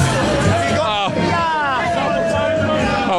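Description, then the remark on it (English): A loud, dense crowd of England football fans at the party end cheers and shouts together on live TV, many overlapping voices rising and wavering in a continuous roar that holds steady throughout. “The party end, England fans. Give us a cheer, boys.”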